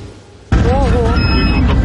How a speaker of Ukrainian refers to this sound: Детектор дронів подає сигнал, в небі над нами ворожий БПЛА.